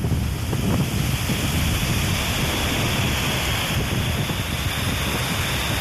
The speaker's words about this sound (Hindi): नदियों में बारिश के पानी की वजह से बहाव इतना तेज है कि आसपास के लोगों में खौफ पैदा हो गया। वलसाड़ की ये तस्वीरें अपनी कहानी खुद बयां कर रही हैं। पुल के नीचे बहते पानी की धार जैसे सब कुछ बहा ले जाने पर आमादा है।